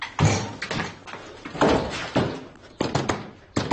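Someone pounds hard on a door, about seven heavy, booming thuds in an uneven rhythm, loud, with no voices heard.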